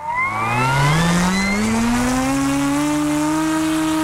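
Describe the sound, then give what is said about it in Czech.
A model airplane, flown with FPV goggles, buzzes loudly and continuously in flight at the airfield in Kunětice in the Pardubice region, Czech Republic, its whining pitch climbing at first and then holding steady, with no voices over it. “Letadlo máme ve vzduchu.”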